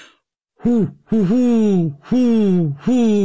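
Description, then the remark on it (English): A person's voice imitates a great horned owl, giving four low, hooting calls in a halting rhythm, each a deep, slightly wavering hoo that dips and trails off, with a short stutter between the first two. “Well, I can do a great horned owl, which sounds, I'm not great, but here we go.”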